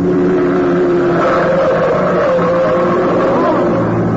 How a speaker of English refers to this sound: There's a car coming right through that red light.